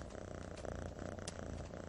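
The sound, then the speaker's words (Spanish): A happy lynx purrs steadily and continuously, a soft low rumbling vibration with no voices over it. “Está ronroneando, Sabu.”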